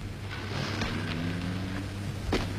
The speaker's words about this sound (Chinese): 那2个家伙登上停在后门的小汽车溜了。